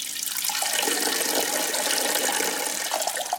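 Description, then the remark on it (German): A steady stream of urine splashes and trickles into the sea at a beach, a continuous pour with a bright, hissing wash lasting a few seconds and no voices. “Ich vermute, viele von uns, denen im Meer schon mal die Blase gedrückt hat, die haben es auch schon mal einfach laufen lassen.”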